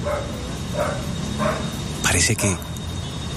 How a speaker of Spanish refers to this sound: Aquí es un momento de absoluto silencio. Cualquier ruido o señal de abajo de los escombros es... El perro está ladrando.